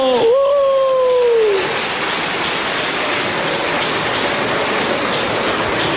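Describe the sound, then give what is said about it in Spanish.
An audience applauds the children, teenagers and young people under 25 who are standing: a dense, steady wash of many hands clapping that holds evenly for several seconds, with a short rising-and-falling cheer or whistle over it at the start. “A ver, los niños, los adolescentes, los jóvenes, menores de 25 años de pie, démosles un aplauso.”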